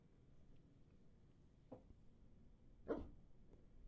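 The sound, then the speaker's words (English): A female dog named Tundra gives two short barks, a softer one followed about a second later by a louder, sharper one, over a low, steady background rumble with no talking. “Tundra has definite opinions on unwarranted searches and seizures.”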